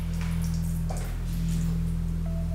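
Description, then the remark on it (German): During an Ayurvedic forehead oil pour, a therapist pours 44-degree warm sesame oil onto a forehead for half an hour: a soft, faint dribbling and dripping of liquid over a steady, loud low hum, with no voices. “Sie gießt 44 Grad heißes Sesamöl über eine halbe Stunde lang über die Stirn”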